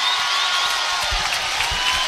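A steady wash of crowd noise fills the space, a dense roar of cheering from a large home audience at a volleyball match against Nebraska in Brookings, holding level and loud throughout, with faint thumps underneath.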